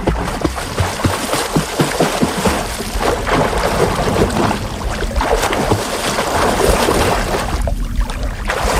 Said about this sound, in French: Voilà, bruit de clapotis dans l'eau.